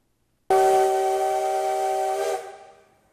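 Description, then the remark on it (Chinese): The whistle of the CT273 steam locomotive blasts loud in one long, steady shriek lasting about two seconds, with a breathy hiss, before it cuts off and rings away, as thick black smoke rises at Yuli railway station in Hualien, Taiwan, during the locomotive's first run on the Hualien–Taitung line. “随着汽笛声响起，浓浓黑烟升起，花莲玉里火车站的月台瞬间变成了铁道迷朝圣的现场。”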